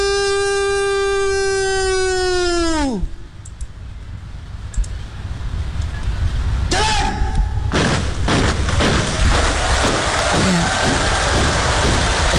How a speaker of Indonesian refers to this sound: Tepukan kini bergema ya di kawasan Istana Merdeka Jakarta sebagai apresiasi atas terlaksananya kegiatan penurunan sang merah putih yang berjalan lancar.